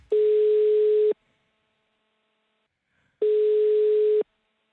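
Two steady telephone ringback tones, each lasting about a second with a two-second pause between, sounding clear as if heard through a phone line while a Radio Robin host places a call to a listener.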